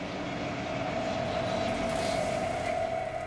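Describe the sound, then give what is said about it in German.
An S-Bahn commuter train coming from the East stops in the smaller hall on the upper level of Friedrichstraße station in the GDR, a constant low roar with a thin electric whine running through it, unchanging in loudness, with no voices. “Das Obergeschoss, S-Bahnen aus dem Osten kommend, halten in der kleineren Halle.”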